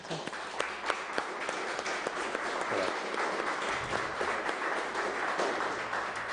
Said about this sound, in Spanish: Le damos un aplauso.